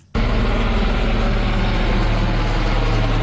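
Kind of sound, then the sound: vehicle, helicopter flying overhead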